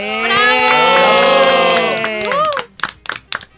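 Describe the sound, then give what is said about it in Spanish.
An audience cheers loudly with sustained, overlapping shouts for a couple of seconds, applauding the families of three young people, then the cheering breaks off into a few scattered, uneven claps at the end. “Entonces, a las familias de estos chicos, de los tres, un aplauso.”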